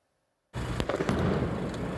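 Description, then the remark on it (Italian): Sudden loud bangs of rockets and paper bombs exploding, several sharp cracks over a dense, continuous roar of crowd noise and the clatter of protective nets being beaten, starting abruptly after a brief silence, during clashes by hooded protesters from a No TAV march in Val di Susa, Italy. “La camionetta dei carabinieri in fiamme, il fumo che si alza dal cantiere, il rumore della battitura delle reti di protezione che accompagna l'esplosione di razzi e bombe carta.”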